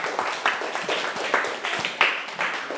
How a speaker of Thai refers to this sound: ถูกต้องครับเก่งมากๆเลยปรบมือเพื่อนหน่อยเร็ว